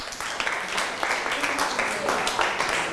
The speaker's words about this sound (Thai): ได้อ่ะปรบมือครับ